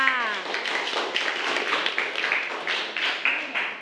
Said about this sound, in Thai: ขอเสียงปรบมือกับไวท์พลัสค่ะ